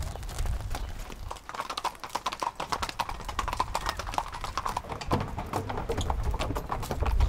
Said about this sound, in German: Über die Promenade muss Lotta mit den 4 Pferden jetzt zur Arena am Strand.